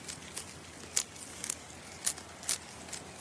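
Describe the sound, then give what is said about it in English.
A quokka, sitting back on its hind legs and holding a leaf in its front paws, munches on the leaf, making soft, crisp crunching bites in an uneven rhythm, about seven brief crackly chews over a quiet background. “And it's holding a leaf in its front paws, munching away. Munch, crunch.”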